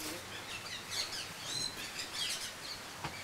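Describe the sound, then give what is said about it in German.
Kea parrots call from their aviary at a zoo, a busy overlapping stream of high chirps and short whistled cries that continues without a break, fairly soft, with no talking. “Da muss man aufpassen, dass die Vögel nicht abhauen.”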